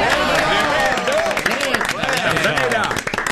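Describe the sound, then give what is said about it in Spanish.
A crowd applauds steadily, many hands clapping in a dense, continuous patter at a fairly loud level, with raised voices and cheering mixed in throughout. “aplauso.”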